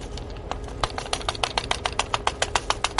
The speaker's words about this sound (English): Then, to move the powder out of the drill bit, we use the robotic arm's wrist and turret joint and the vibration caused by the drill's percussion mechanism to move the sample like so.